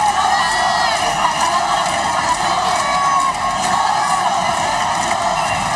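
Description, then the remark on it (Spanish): A large outdoor crowd of Ceuta residents cheers and shouts continuously as the king and queen of Spain step out of the official car to greet them, a dense roar of many voices with chants for national sovereignty, whistles and whoops rising above it, loud throughout. “Un momento de júbilo y de ilusión en el que también se han pronunciado cánticos en favor de la soberanía nacional”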